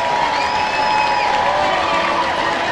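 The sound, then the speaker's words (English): A baseball crowd at a Biscuits game on Tuesday night cheers in a steady, dense roar that holds level throughout, as the Biscuits are down to their final out, with a few thin whistle-like tones sliding over the noise. No one speaks. “Crowd getting into it.”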